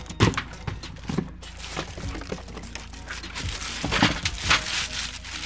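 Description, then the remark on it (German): A delivered item is lifted out of an opened cardboard box, with irregular crinkling, crackling and scraping of packaging, a few sharper knocks, and a steady rustle throughout with no voices. “So, jetzt haben wir den Karton geöffnet. Nehmen wir das gute Stück mal raus.”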